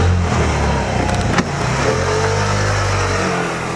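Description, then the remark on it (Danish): A white Vespa scooter engine revs loudly, its buzzing note rising and shifting as it pulls away, with a brief sharp click partway through and no voices. “ser, om han ikke kan få Rosina med på sin hvide Vespa tilbage til Spanien”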